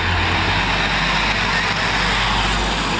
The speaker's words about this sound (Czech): Tady je záznam. Přijíždí tramvaj. 26. Vinohradské hřbitovy.